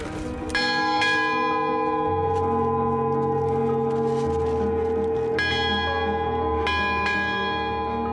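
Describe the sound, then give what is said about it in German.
A summit bell on a mountaintop in Crete is rung following Greek tradition, with sharp metallic strikes at irregular intervals, about five clangs, each leaving a long shimmering, overlapping resonance that sustains throughout. “Jetzt läuten wir hier, oder? Nach griechischer Tradition.”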